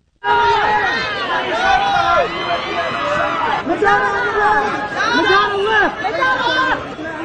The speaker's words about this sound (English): People screaming, "I love that outfit," as the celebs posed on the red carpet.